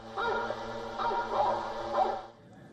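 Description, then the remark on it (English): Hunting dogs barking and baying together in a loud, overlapping chorus, their calls running on for a couple of seconds with a few stronger swells before cutting off. “Sound of hunting dogs.”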